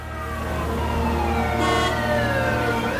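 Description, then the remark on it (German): An emergency vehicle siren wails steadily amid the low rumble of city traffic in New York, its rising and falling tones loud for the whole stretch, with no voices. “Es ist so viel Lärm in New York. Sirenen, Geschrei, Hupen.”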